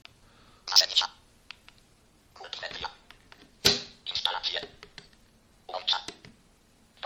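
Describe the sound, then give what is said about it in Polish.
A smartphone is picked up from a table, followed by short bursts of navigation sounds in an uneven rhythm with brief sharp clicks in between, fairly quiet. “O, teraz telefon wezmę do ręki, bo był na stole.”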